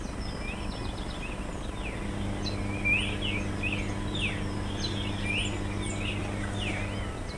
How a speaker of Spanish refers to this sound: Ahí está, amanece en Misiones. Qué capo, buenísimo, bueno. El sonido de la vida. El sonido de la felicidad, la alegría del pajarito que se manifiesta a través de su canto. ¡Qué capo! Anunciando la llegada del sol.